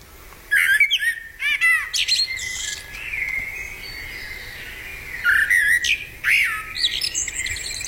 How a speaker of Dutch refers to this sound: Is het een merel? Ja. Merel? Echt waar? Oké, daar ben ik blij mee.